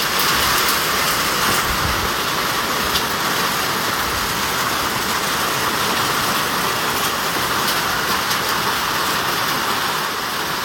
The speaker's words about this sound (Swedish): Regn mot plåttak och en vattentunna som fylldes på typ 5 minuter, säger hon.